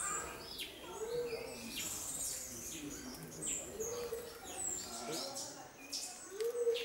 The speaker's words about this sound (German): Die Bartvögel sind eine Gruppe von Vögeln, die um den Schnabelansatz rum ein paar borstige Haare haben.